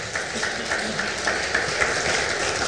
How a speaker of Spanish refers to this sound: Gloria a Dios. Aplaudámosle al Señor.